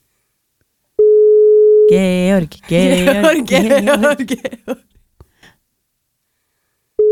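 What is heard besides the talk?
telephone busy tone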